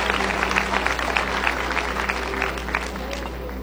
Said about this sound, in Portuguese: E se você quiser aplaudir, glorificar o nome de Jesus, fique à vontade. Glória a Deus.